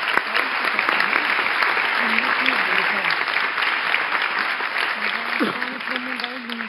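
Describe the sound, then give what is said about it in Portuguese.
An audience claps steadily for several seconds, a dense, even crackle of many hands with no break, while a voice murmurs faintly underneath. “Mas queria pedir uma salva de palmas pelo...”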